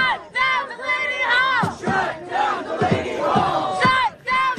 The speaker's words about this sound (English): The sounds we're listening to there from protesters outside Delaney Hall. This was recorded by WABC. Delaney Hall is an ICE detention center in Newark, New Jersey